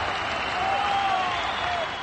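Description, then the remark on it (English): A crowd cheers and applauds in a steady, dense wash of claps and voices, with a thin whistle-like tone rising and falling through the middle. The roar holds at an even, loud level throughout. “my goodness gracious, listen to all those people cheering.”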